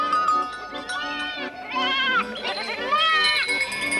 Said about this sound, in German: Großvater, sind es unsere Ziegen?